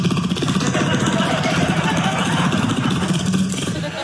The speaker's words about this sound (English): Do you ever have a motorcycle sitting outside your window for a half hour trying to watch TV?